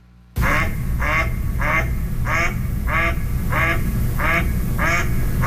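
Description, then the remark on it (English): A mallard duck quacks repeatedly in a steady rhythm, about nine harsh, nasal, fairly low calls in a row, loud over a low rumbling background. “That's a typical duck quack.”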